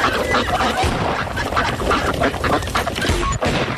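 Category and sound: bird, ducks quacking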